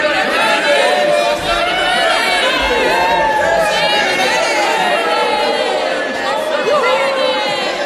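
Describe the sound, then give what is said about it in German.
A large crowd at a king's court breaks into jubilation, a loud, continuous roar of overlapping voices, shouting and cheering together at a steady level for several seconds without pause. “Und da brach der Jubel los.”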